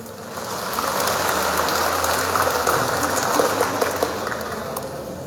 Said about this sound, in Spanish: ¡Fuerte los aplausos!